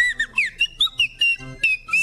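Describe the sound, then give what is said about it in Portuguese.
A yellow whistle, repaired with a round piece of rubber cut from an old Havaianas flip-flop glued to its tip, blown in a quick series of short, shrill toots, about eight bursts in two seconds, each warbling slightly in pitch, loud with no talking. “Sensacional, ele consertou o próprio apito.”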